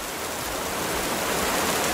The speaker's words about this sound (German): Ich gebe Ihnen mal 20 Sekunden Regen für alle, die jetzt gerade am Einschlafen sind.